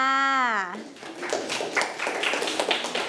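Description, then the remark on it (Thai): A teacher's brief spoken voice gives way to a burst of scattered, uneven clapping from a small group of schoolchildren applauding a classmate who answered a vocabulary question, continuing for a couple of seconds at moderate volume. “เก่งมากค่ะเด็กๆปรบมือให้เพื่อนค่ะ”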